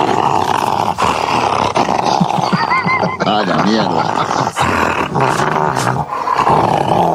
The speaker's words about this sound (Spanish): Y ese muestra los dientes, ¿no? Claro, es una perra.